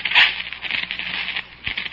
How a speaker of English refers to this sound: And in the light from the match before it fizzled out in the rain, I saw what had made the sound.